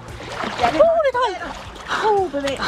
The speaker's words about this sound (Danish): Nu. Ja, sådan ville det altså også lyde, hvis jeg hoppede en tur i vandet nu her. Vinterbadersæsonen, det var vores gode reporter kollega, vi lige hørte her, der tog en tur i vandet. Den er startet officielt, vinterbadersæsonen.